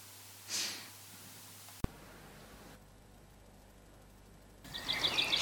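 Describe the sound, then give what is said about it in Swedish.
Faint bird chirps emerge near the end after a soft breath and a sharp click, repeated high tweets rising against a quiet background with no talking. “Hör du fågelsången i bakgrunden?”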